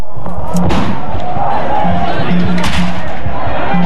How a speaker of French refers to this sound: Ce que vous entendez là, Mathis, ce sont les coups de poing sur les rideaux de fer des commerces palestiniens de la vieille ville de Jérusalem. Pas une échoppe ouverte cet après-midi.